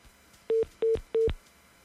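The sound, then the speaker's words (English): A telephone line ringing as three short, evenly spaced electronic beeps, each one clear and fairly loud, with near silence between and after them. No one speaks. “Okay, let's pick this one. It's ringing right here.”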